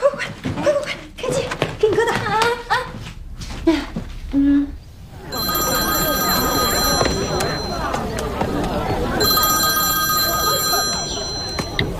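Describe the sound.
After a few seconds of talking, a telephone rings in two bright, high-pitched bursts separated by a short pause. A steady murmur of voices continues underneath.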